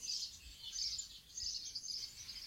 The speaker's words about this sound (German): Die Vögel zwitschern hier in der abendlichen Sonne, Ecke Kastanienweg vor der Kirche von Döblitz.